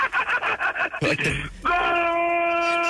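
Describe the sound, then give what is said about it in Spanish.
A man's voice bursts into a loud, drawn-out shouted goal celebration in Spanish, rapid excited syllables giving way to one long sustained held cry. “Enseñen a la gente cómo se grita un gol de Quiñones.”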